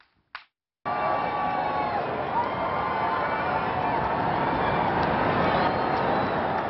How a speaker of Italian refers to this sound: Londra in festa per la parata di compleanno del re. Migliaia hanno acclamato Carlo e la famiglia reale che hanno sfilato in carrozza.